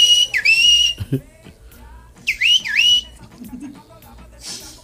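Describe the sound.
Someone whistles two short, speech-like phrases with swooping, sliding pitch, imitating a street vendor who talked by whistling while selling keychains on buses. The phrases are clear, separated by a brief pause over faint background noise.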